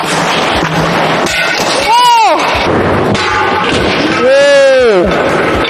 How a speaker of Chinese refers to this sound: 掉下来完以后，不仅玻璃掉了，玻璃还碎了，这如果掉下去真的是非常的危险。这个就是因为选择了这种开口压线。